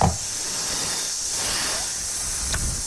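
A snake hisses in one long, steady, breathy stream that holds for a few seconds at an even level, with no voices over it.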